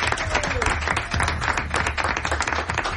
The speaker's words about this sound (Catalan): Un aplaudiment per Les Planes.